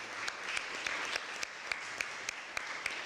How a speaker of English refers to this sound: Pastor, could you give him a round of applause?